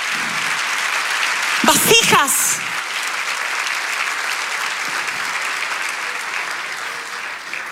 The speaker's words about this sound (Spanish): Vamos, si lo crees, dale ese aplauso al Señor.